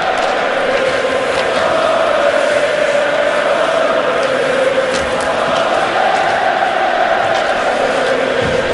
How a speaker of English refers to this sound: Listen to the Montreal crowd up 2-0.